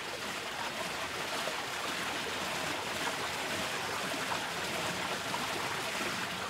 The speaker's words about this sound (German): Im Ort wird der junge Bach in einen gemauerten Kanal gezwängt.